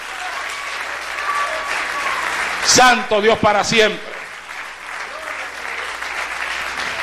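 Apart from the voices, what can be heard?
audience applause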